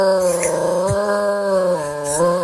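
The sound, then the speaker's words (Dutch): A dog, Smokey, howls along with a wailing outdoor air-raid siren during its test on the first Monday of the month, one long sustained tone that holds steady, dips briefly and rises again, fairly loud, with no talking. “Luister maar, jij, als je goed luistert, hoor je ook het luchtalarm.”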